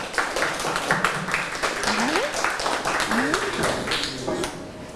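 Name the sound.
students clapping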